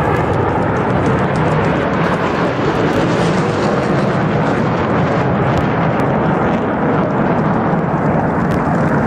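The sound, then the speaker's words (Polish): A loud, steady roar of F-35 fighter jets, the first Polish F-35s, at the military air base in Łask near Łódź, Poland, fills the scene without letup, a dense rushing thunder of engines with no voices heard. “melduje przyjęcie pierwszych polskich samolotów F-35 na wyposażenie Sił Zbrojnych Rzeczypospolitej Polskiej”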